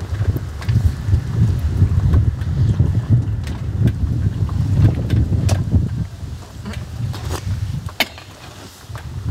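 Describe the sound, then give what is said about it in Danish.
Raw oysters being slurped and eaten: scattered wet smacks and sharp clicks over a steady low, rumbling noise, with no talking. “Det kan man godt lige høre ude i højtalerne, når man spiser østers.”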